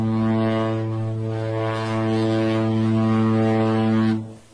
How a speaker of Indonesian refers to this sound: Saat mesin kapal menderu lebih keras dan air di buritan mulai berbuih putih, perlahan namun pasti jarak membentang.